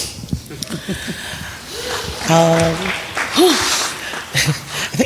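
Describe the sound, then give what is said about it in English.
A crowd claps steadily in a dense, crackling patter, with a few voices calling out and a brief rising whoop rising above the applause partway through. “And just a friendly reminder, I'm sorry, guys, but please hold the applause till the end.”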